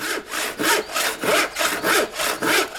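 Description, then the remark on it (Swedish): A handsaw cuts through a wooden board in steady back-and-forth strokes during carpentry, about five rasping passes in under three seconds, clear with no talking. “Ja, yksa ha en såg. En bräda, lauta.”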